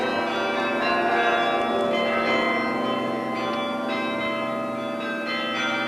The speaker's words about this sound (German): Eine große Menge hatte sich dort bereits vor der Bühne versammelt, um dem Glockenspiel des Roten Turms zu lauschen, von dem diese Feierstunde eingeleitet wurde.